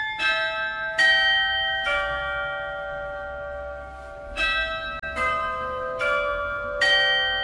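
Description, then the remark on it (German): Tuned carillon bells of the glockenspiel heard in Theaterstraße, Würzburg, ring out a slow melody, each stroke striking clearly and leaving long overlapping resonance that hangs between notes, with soft outdoor rumble beneath and no voices. “Die Würzburger Glöckli, jetzt haben Sie sie gerade schon angesprochen, das sind quasi die Glöckli auch, die da im Glockenspiel quasi laufen, die man in der Theaterstraße hört.”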